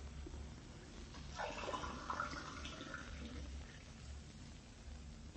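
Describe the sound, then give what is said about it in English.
Water runs from a tap into a glass for a few seconds, a steady splashing pour that rises and then eases off, with a low hum underneath and no one speaking. “could I have a drink of water? Oh, sure thing. I'll have it for you in a jiffy.”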